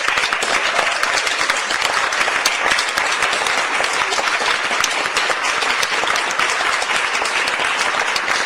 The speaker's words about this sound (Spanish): Estamos listos para darle paso a la vereda Salto del Lipa. Bienvenidos. Fuerte, excelente, fuerte el aplauso allí, Salto del Lipa. Fuerte el aplauso, fuerte el aplauso.